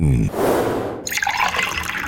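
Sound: cold water being poured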